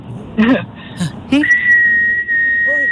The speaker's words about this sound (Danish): eller på stranden, eller i skoven, eller så er det et langt fløjt. Må vi høre det? Hvor jeg ligesom holder tonen.